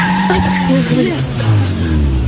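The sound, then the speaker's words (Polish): A car drives with a loud, steady roar, tires squealing in wavering, sliding tones as it skids through a turn, lasting a couple of seconds. “To nie są nagrania z twojego samochodu?”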